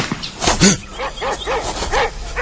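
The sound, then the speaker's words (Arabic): Two dogs belonging to a hunter bark and yip in a quick, uneven run of short, high-pitched calls, about half a dozen in two seconds, fairly loud, with no talking. “اتصدر هاو صياد عند زوز كلاب ملي نطلع”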